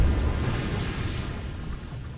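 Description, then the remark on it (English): A wave crashes in a deep, rumbling roar of churning water, loud at first and holding a steady, hissing wash for about two seconds, with no voices. “Watch out for that wave.”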